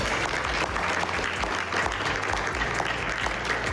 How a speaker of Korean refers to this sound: G7 정상회의 이틀째 만찬장입니다. 트럼프 대통령 뒤로 마크 루비오 국무장관이 서 있고 이렇게 서명을 하기 시작하고요. 트럼프 대통령 서명된 문서를 들고 주변에 자랑하듯 보여주고 마크롱 대통령을 비롯한 각국 정상들이 함께 박수를 쳤습니다.